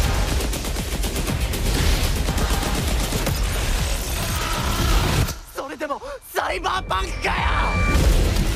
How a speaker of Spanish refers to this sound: Bueno, tremendo tráiler, tremendo sonidos. ¿Qué es esto? Este refrito electrónico, la estática, el glitch, se trata de lo nuevo de Cyberpunk. Hace unas horas Netflix ha sacado el teaser de la segunda temporada de Cyberpunk Edgerunners,